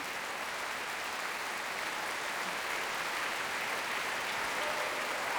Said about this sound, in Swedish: Ensemblen har satt sig ner och publiken applåderar.